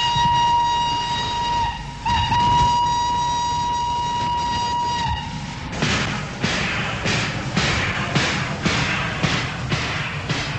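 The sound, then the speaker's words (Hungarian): A steady, piercing train whistle sounds for about five seconds, briefly breaking once, then gives way to the rhythmic clatter and rumble of rail wheels rolling past, from the last train on the Harkány–Drávaszabolcs branch line in Hungary, recorded in 1971. “A vonatfütty, a jellegzetes vasúti dübörgés 1912.”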